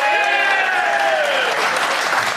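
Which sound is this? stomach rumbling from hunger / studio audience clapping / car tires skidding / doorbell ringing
studio audience clapping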